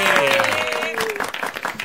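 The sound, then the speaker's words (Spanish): Dense, steady applause of many hands clapping for about two seconds, given for the announcement of a new tournament in Argentine football, with a sustained voice-like cheer ringing over the first half before the clapping continues alone. “Y un aplauso porque le pusieron flow y hay nuevo torneo en el fútbol argentino.”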